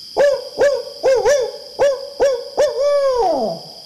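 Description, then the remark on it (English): A person imitates a barred owl's hooting call, a rhythmic series of clear hoots ending in a long descending, drawn-out note, with no other voices. “After learning this story, I was inspired to learn this hoot myself in homage to Tubman.”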